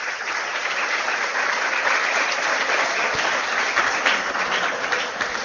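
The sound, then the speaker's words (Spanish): Sustained audience applause for an 88-year-old woman in the audience, a dense steady wash of many hands clapping at an even, fairly loud level for several seconds, with no voices standing out. “Un aplauso, señores, aquella que está ya, 88.”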